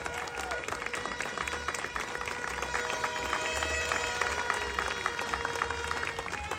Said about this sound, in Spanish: Quería darle gracias a Miss El Salvador, Miss Universo El Salvador, que nos acompaña hoy. Julia, por ahí está Julia, por favor, Julia. Ah, Julia, ¿qué tal? Que nos acompañe, un aplauso a ella, que nos visita ahora.